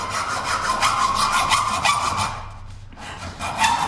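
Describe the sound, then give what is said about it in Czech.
A hand saw cuts open a sealed box in quick, steady back-and-forth strokes, fairly loud, then stops briefly before starting up again. Nobody speaks. “V první fázi přichází na řadu pilka.”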